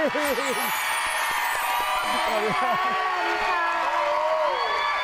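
A crowd claps and cheers loudly and steadily for about five seconds, with high excited whoops and shouts rising above the dense wash of applause.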